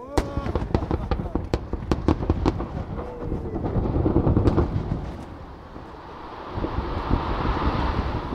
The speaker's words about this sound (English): On Thursday, Mesabi Metallics celebrated with a bang. The mining company completed another blast on its property, using 1.1 million pounds of explosives to blast apart rock and shoot plumes of dust, colored red, white, and blue, high into the sky.